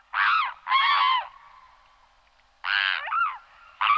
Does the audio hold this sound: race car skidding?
no